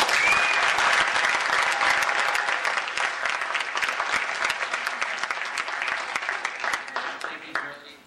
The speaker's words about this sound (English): I'd like to lead a round of applause for our bike ambassador, Tony Cruz.